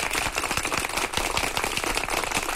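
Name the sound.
round of applause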